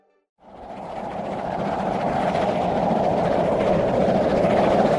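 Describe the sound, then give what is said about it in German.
A moving steam train rumbles steadily after a brief silence, its wheels rattling in a dense, continuous clatter that stays loud throughout, with no voices. “Der Ruß kommt rein und der Bahnhof ist sowieso nicht mehr zu sehen.”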